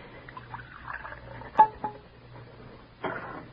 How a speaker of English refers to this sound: Pour out his cocoa.